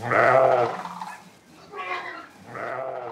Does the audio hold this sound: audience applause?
no